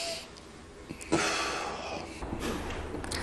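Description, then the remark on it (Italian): A deep breath is drawn in sharply during a medical examination, held briefly, then let out in a long, airy exhale, fairly quiet, with no talking. “Ancora un respiro profondo.”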